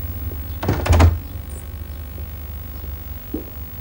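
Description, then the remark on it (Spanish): A woman closes a door: it swings shut with a single solid thud, its latch clicking, then a low, steady hum with only a faint small knock afterward. “Ella cierra la puerta.”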